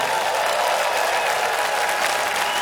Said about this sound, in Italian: Volete mandare un saluto in radio adesso, per favore? Fammi sentire un applauso di quello che...